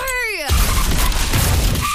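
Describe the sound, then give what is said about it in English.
A car crash, used as the source of every sound in a radio jingle for Accident Claims Lawyers: a brief high, wavering screech gives way to a loud, sustained burst of smashing metal and shattering glass that rumbles and crackles to the end, with no voices. “Every single piece of this jingle was made from the sound of a bingle.”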